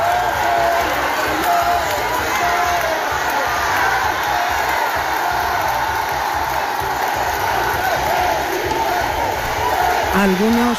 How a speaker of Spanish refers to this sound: Saludos a los miles de ciudadanos que se han lanzado a la calle para darles la bienvenida. Vítores y aplausos que han aumentado cuando Felipe VI y Leticia han salido al balcón del ayuntamiento.